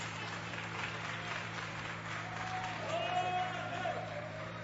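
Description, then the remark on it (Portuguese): A church audience claps steadily throughout to glorify the name of Jesus, a dense continuous wash of applause at moderate level, with a faint tonal hum underneath and no one speaking over it. “e as palmas glorificam o nome de Jesus.”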